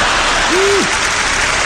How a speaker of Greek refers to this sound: Μου μένουν ακόμα 2 λεπτά περίπου από τον προκαθορισμένο χρόνο του προγράμματός μου και συνήθως τον χρόνο αυτό τον αφήνω στο κοινό για χειροκρότημα.